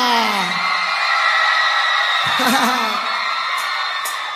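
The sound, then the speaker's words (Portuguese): A crowd yells and whoops loudly and continuously, many voices overlapping in a sustained, excited roar of cheering that fills the whole stretch without pause. “Podem gritar!”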